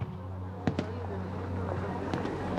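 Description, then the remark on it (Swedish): Fireworks pop and crack at a water festival in Stockholm: a quick pair of bursts followed by another a moment later, over a steady low rumble and faint background murmur. “De åker ut med båten, besöker vattenfestivalen och tittar på fyrverkerierna.”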